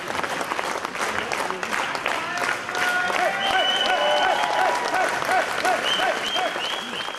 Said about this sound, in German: Nach rund 30 Minuten kam die Veranstaltung dann zu ihrem Höhepunkt. Wie ein siegreicher Matador zog Ulrich Siegmund unter lautem Jubel in das Gästehaus Spiegelsberger ein.